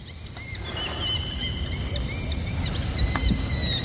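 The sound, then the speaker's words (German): Hawks call repeatedly with thin, high whistling cries, some short and some drawn out, carrying over a steady outdoor rumble like wind or lapping water. No one speaks. “Diese verdammten Vögel. Als würden sie uns belauern. Das sind vermutlich Habichte.”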